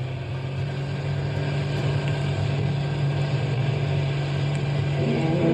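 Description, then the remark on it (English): A car engine runs with a steady, loud drone and a deep low hum as the driver steps on the gas to get out of a park, holding an even pitch and level throughout with no talking. “Step on the gas. We've got to get out of the park.”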